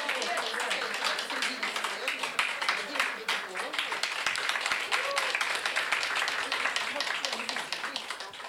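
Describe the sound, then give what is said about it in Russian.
Sustained, dense audience applause at a festival as an honorary diploma is presented for participation: many hands clapping in a steady, even roar of sharp overlapping claps that stays loud for the full eight seconds, with a murmur of crowd noise beneath. “Подбурные аплодисменты.”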